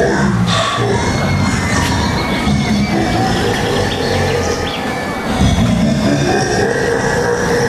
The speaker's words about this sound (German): Endlich fuhr wieder ein Zug ein. Boah, der sieht aber ganz schön gruselig aus. Ja, nicht? Der Totenkopf da vorne am Zug, der hat schon was.